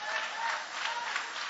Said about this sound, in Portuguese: Pode tomar o vosso assento, guarda a Bíblia com carinho e podem aplaudir a Deus também com alegria.